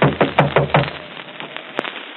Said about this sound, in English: Better knock harder.